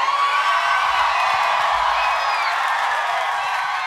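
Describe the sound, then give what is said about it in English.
A live audience at a show being recorded cheers and whoops in a steady, loud roar, many voices blending into a dense wash of shouts with scattered higher-pitched yells throughout. “This crowd is awesome.”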